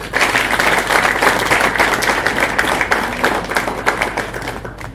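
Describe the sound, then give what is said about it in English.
Sustained applause from an audience welcoming the Honourable Member Kimani, MP for Molo, a dense wash of many hands clapping at steady loudness for several seconds, with no voices standing out. “Join me, please, in welcoming the Honourable Member Kimani, the MP for Molo.”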